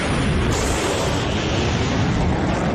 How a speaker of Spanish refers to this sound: Piensa en una explosión sónica de la leche, o sea, es... En un embudo. Hombre, los ciclistas no. Vale. El avión rompiendo la barrera del sonido. Muy bien.